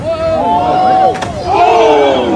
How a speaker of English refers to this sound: Did you hear that sound? What did he land on? That was hitting the water. That was not the water. That was his butt smacking the rocks.